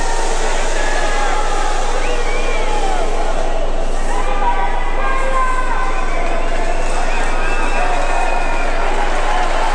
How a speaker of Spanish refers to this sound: Más de 45.000 personas aplaudiendo en solidaridad al pueblo venezolano.